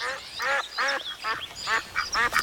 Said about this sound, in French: Où l'on rencontre, sous un cerisier, une petite fille nommée Olga et un canard très énervé.